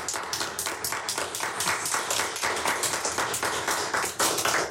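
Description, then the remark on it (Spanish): An audience at the Radionave applauds a team of female readers, many hands clapping in a dense, sustained patter that stays loud and even for several seconds, with no talking over it. “Quiero que le demos un aplauso muy, muy fuerte a este equipo de lectoras.”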